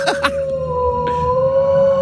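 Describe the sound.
A person imitates a wolf, holding a long, steady howl into the microphone for about two seconds, with a couple of brief sharp sounds at the very start.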